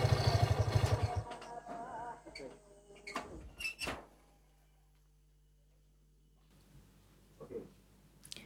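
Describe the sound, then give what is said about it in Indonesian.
A door opens with a couple of sharp wooden clunks after a low engine rumble fades away, then a near-silent pause and a soft rustle with another faint knock. “Pintu terbuka.”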